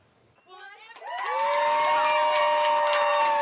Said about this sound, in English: These young golf fans are cheering on Brooke Henderson as she walks down the fairway at the CPKC Women's Open. This is the Brooke Brigade Junior Viewing Zone located at the Royal Mayfair's second green,